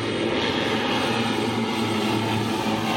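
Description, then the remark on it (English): A steady, loud droning roar of an airplane engine as the airplane lands, continuous, with a broad rumbling hum and no voices. “When the airplanes land, it's like they come out of everywhere.”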